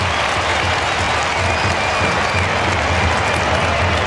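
A large stadium crowd roars and applauds after a goal in a football match between the Suns and Carlton, a steady, dense wash of cheering that holds loud and unbroken for the whole stretch, with no single voice standing out.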